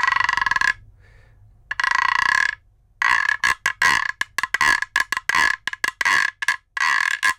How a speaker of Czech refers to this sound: Neobvyklejší nástroje, tady držím takovou dřevěnou trubku, říká se tomu gyro a možná to někdo tomu může říct žába, protože to vydává.